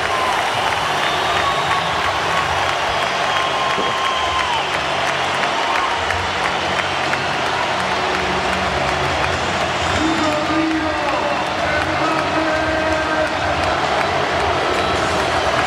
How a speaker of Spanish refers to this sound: Gente de pie, ¿eh? Sí, en el Spotify Camp Nou, ovación tremenda a Rodrigo Hernández Cascante, que aplaudía a las, bueno, yo creo que 45 o 50 mil personas que ahora se agolpan en el Spotify Camp Nou.